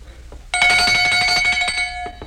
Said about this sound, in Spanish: ¿Oye usted esta campanilla? ¿Cómo dice? Que si oye esta campanilla...